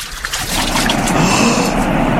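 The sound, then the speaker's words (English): A steady, loud rush of surging water swells up and holds, broad and continuous, as the waters of the Jordan River churn and part, with no voices present. “The water! It is parting!”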